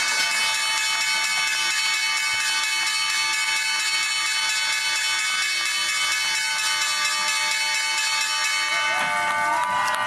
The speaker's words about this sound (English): You can hear the clapping's about to begin here because the bell's about to ring.